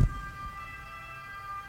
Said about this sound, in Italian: Questa è una sirena.